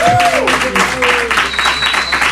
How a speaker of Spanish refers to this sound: Un aplauso para ti, sí, sí, sí.